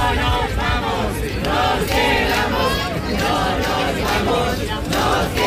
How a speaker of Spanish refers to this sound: Las alrededor de 2.000 personas que se concentraban a medianoche han coreado gritos, lo escuchan, de que se quedan